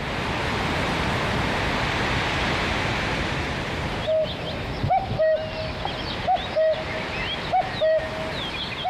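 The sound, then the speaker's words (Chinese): A cuckoo calls its two-note song about four times in steady succession, clear, after several seconds of dense, rushing noise like wind or a stream, in the mountain wilds of the Ailao Mountains. “山野间传来布谷鸟催春的信息，居住在哀牢山区的彝族花罗人知道时候到了。”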